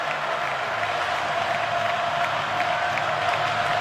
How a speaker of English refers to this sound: Darian Smith with the stop. Now fourth and a foot from the Vandy 34. And this sellout crowd responds at Jordan-Hare Stadium.